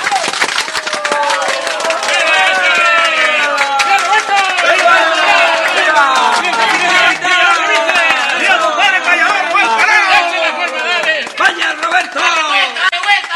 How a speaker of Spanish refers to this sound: ¡Venga ese aplauso!